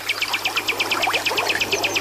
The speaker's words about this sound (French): et les sites naturels comme celui-ci, la rivière Noire à Djara. C'est apaisant d'être là, c'est relaxant de se retrouver en pleine nature comme ça, d'entendre les oiseaux voler, chanter, et le bruit de l'eau aussi qui nous berce. C'est agréable.